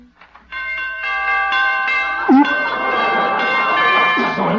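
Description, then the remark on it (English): Door chimes ring out in a bright cluster of overlapping tones that sustain and shimmer, with a brief voice-like sound breaking in near the middle while the ringing continues. “Those door chimes.”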